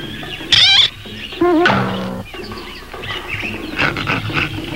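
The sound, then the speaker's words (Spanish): A man in a gorilla costume roars and growls in two loud bursts, the first short and wavering, the second longer and rumbling, followed by quieter, rough grumbling noises. “Ven acaso, gran mono.”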